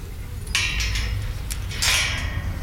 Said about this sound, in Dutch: Even het hek dicht. De koeien moeten natuurlijk wel binnen blijven.